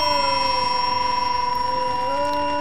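A very loud, piercing high-pitched hearing aid beep rings out continuously for a few seconds, holding steady with a slight shift in tone near the end, with no one speaking.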